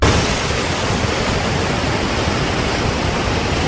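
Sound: white noise sleep sound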